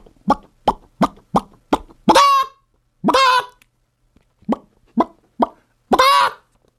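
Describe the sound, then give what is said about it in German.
A voice imitates a chicken, giving quick rhythmic clucks that build into a loud, drawn-out squawk, then repeating the pattern with no other talking. “Okay, wie macht denn ein Huhn?”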